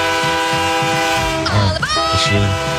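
A loud, sustained train horn blares steadily for nearly three seconds, its layered chord tones holding strong, with a brief rising swoop partway through.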